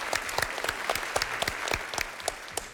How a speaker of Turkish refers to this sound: Arkadaşımızı alkışlayalım o zaman bu güzel sorun için.